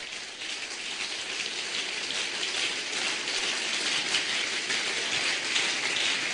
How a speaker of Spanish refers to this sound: Dale un aplauso a mi Dios en esta hora.